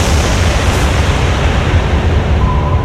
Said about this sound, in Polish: Wybuch jest tak silny, że samochód zostaje wyrzucony na 25 metrów w górę. Przelatuje nad 5-metrowym budynkiem klasztoru i ląduje na dziedzińcu.